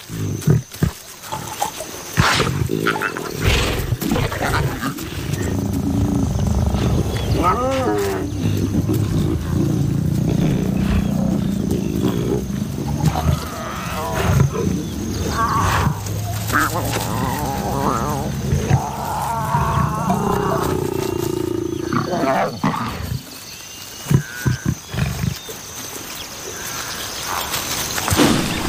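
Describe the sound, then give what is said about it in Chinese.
Deep, rumbling growls and snarls from lions of a pride feeding, the lion Kale eating together with its cubs, continue almost without pause, rough and low-pitched, with a few louder bursts and a steady gritty texture underneath. “卡勒允许幼崽和自己一起进食，不过幼崽迟早要学会遵守狮群中的等级秩序。”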